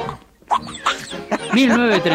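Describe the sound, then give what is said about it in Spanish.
The cartoon duck Donald Duck's squawky, nasal quacking voice sputters out a quick burst of garbled, wobbling syllables, fairly loud, ending in a longer warbling squawk. “Es el día del Pato Donald.”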